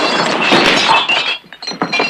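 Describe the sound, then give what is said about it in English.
Glass breaking as a gun is slid into a row of glasses: a loud, bright burst of shattering for about a second, then scattered tinkling pieces and clinks settling. “Tom slides the gun into some glasses.”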